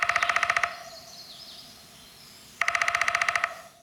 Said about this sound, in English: Okay, so as we talk about this, let's listen again a little bit to the sound of a downy woodpecker to remind ourselves how quickly they do it.